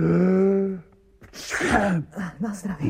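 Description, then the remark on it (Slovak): A single loud sneeze: a drawn-out voiced 'ah' build-up, a brief catch, then a sharp breathy burst trailing into short vocal noises. “Na zdravie.”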